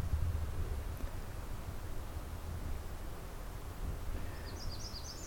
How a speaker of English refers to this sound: Bird song. Distant waterfalls, and otherwise it's very quiet.